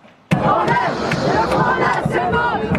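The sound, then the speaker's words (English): Thousands of protesters, French students, shout and chant together outdoors in Bastille Square in Paris, a dense roar of many voices rising and falling, with sharp bangs and claps cutting through the din. “Thousands of protesters are here in Bastille Square, where the French Revolution began in 1789.”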